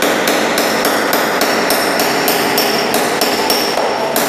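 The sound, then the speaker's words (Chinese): Steady, rapid hammer taps drive a chasing chisel into a 1–2 mm red copper sheet, worked from the back along lines chased from the front to raise a relief. Roughly three bright metallic strikes per second with a ringing overtone, loud and continuous, with no voices. “接下来用铜板的背面依据事先从正面勾攒出来的线条，进一步攒刻出浮雕的效果。”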